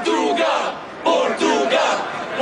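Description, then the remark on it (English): A crowd of football fans gathered outside the Portugal team's hotel in Toronto during the World Cup chants loudly in rhythmic bursts, voices swelling together in repeated surges of cheering with no single speaker standing out. “the fans who've been gathering outside Portugal's hotel will certainly agree.”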